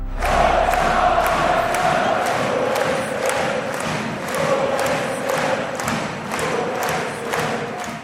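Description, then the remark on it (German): A large crowd in the Getek Arena in Magdeburg roars and cheers continuously in the evening, celebrating SCM clinching the German handball championship early with a 31:30 win over Flensburg-Handewitt, with rhythmic thumping beats and clapping pulsing through the loud, dense celebration. “Ja, ausgelassene Jubel- und Partystimmung am Abend in der Magdeburger Getek Arena.”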